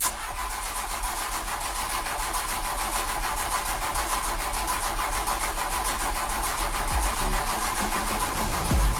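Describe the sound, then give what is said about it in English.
A car engine cranks over and over without catching, a steady grinding churn of the starter motor that runs loud and continuous for several seconds, with no voices present. “That sinking feeling as the engine won't start.”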